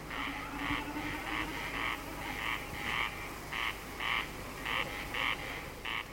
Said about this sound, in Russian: Наперебой кричат коростели, и время от времени, вибрируя перьями хвоста на лету, блеет барашком бекас. Вот слышите? Это он и есть.